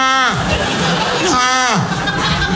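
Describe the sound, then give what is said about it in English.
A man's voice imitates a donkey's bray twice, each a loud, rasping, harmonic call that slides downward in pitch, over a steady murmur of crowd chatter and light laughter. “That's a real donkey.”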